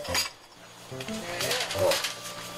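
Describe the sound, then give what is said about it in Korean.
Dishes clink and clatter a few times as two small washed dishes are lifted from a stack on top, to use for cooking ramyeon, with bright ringing taps near the start and again toward the end, amid quiet room noise. “작을 거, 거기 위에 뭐 설거지 해놓거든요.”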